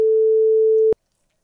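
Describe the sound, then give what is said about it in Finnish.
A telephone ringback tone of a call to Radio Rock's prepaid summer phone sounds once, a steady mid-pitched electronic beep lasting about a second, ending with a faint click before silence. It is clear, with no one talking. “Kyllähän tämä nyt kuulostaa siltä, että puhelin on elossa.”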